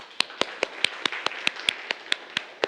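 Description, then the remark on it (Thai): Students clap for themselves in a class: a steady run of about a dozen sharp, evenly spaced hand claps, quick and rhythmic, over a soft continuous background hiss. No one speaks. “ก็ปรบมือให้กับตัวเองนะครับนักเรียน”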